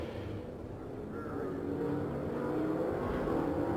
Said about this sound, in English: Now we see the seven cars ahead of our leader, John Paul Jr., beginning to accelerate. In corner number four, the pace car is on pit road, and indeed the green flag is out. We are back to racing at Indianapolis, and here they come.